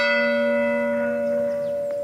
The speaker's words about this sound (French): Les cloches de l'église qui sonnent chaque jour, eh bien à Mont-Saint-Goël, dans le Bergeracois, la cloche a sonné hier pour la première fois depuis plus de 2 ans, la cloche de l'église romane Notre-Dame de l'Assomption.